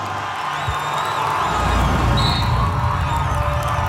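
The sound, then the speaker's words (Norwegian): French spectators cheer in a stadium after Brustad scores for Norway in a football match, making it 1-1 with six minutes left: a dense, continuous wall of roaring and cheering, with a few high whistles rising over the din, swelling slightly toward the middle and holding steady throughout. “Franskmennenes jubel rullet over stadion, mens Brustad ble omfavnet av lagkameratene.”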